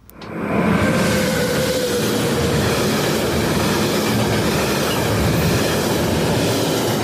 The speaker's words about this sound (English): Must have been a train going through Yass Junction, I think. Or maybe Bowenlong or Bowning, one of those places, anyway.